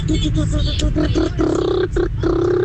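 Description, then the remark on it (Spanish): A child's voice imitates a motorbike engine, opening with quick sputtering pulses and then droning in long, loud, rumbling revs with a couple of brief breaks. “Y esta es mi moto.”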